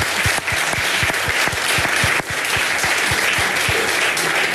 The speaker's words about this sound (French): Et ça peut s'applaudir.